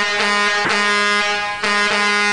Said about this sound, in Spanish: Mira, nuestra forma de saludar ahora, Master, cuando no nos da chance de hablar, porque tenemos canción, es ponerle el claxon.